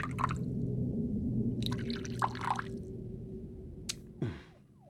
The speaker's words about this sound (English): Please, pour away. Beluga vodka from Siberia, using spring water purified 3 times. It's what one reads.